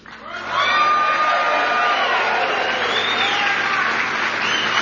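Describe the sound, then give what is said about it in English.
A crowd at a Campaign 2026 rally in Sterling Heights, Michigan, claps and cheers loudly and steadily for a trucker, a dense wash of applause with scattered whoops and shouts rising over it, holding strong for the whole stretch. “Now, I made y'all clap for him before I told you that he's actually from my home state of Ohio.”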